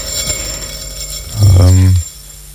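A motorized pottery wheel gives off a loud, low electric hum with buzzing overtones, sounding for about half a second before cutting off, over a steady faint background hiss.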